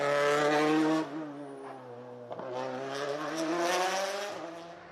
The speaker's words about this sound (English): That's what a Toyota on form should look and sound like as we join Takamoto Katsuta.